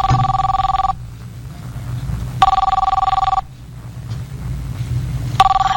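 A telephone rings in repeated bursts, each about a second long with pauses between, loud over a low background rumble.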